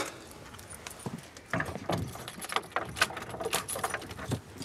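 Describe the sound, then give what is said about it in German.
Keys jangle and scrape at a lock, with a run of sharp clicks and clunks as a stiff, slightly jamming door is worked open. No one speaks. “Und die Tür einklemmt ein bisschen.”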